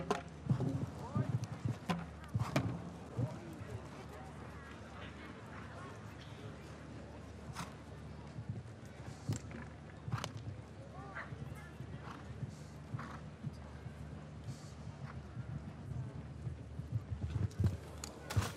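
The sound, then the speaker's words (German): Horse hooves thud and clip-clop across a show jumping course at the Derby ground in Hamburg during a qualification round, with a female rider, in an irregular, loping rhythm, with sharper knocks now and then. A commentator's voice talks over the steady outdoor hum. “Das ist nicht so vortrefflich hingeritten. Auch hier nicht. Die lässt das Pferd so ein bisschen alleine.”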